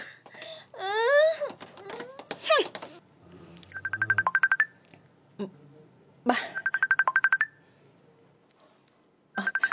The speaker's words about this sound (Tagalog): nagpanawag sa cellphone ko. Sabton ko.